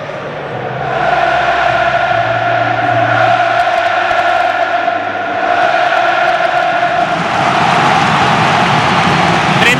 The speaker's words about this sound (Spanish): Y ahí el rojo y el amarillo, es espectacular lo de la Cartuja, sonido ambiente del estadio del Real Betis Balompié de Sevilla.